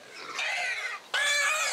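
animal, piglets squealing

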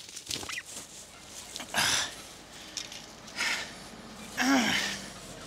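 bird, turkey gobbling

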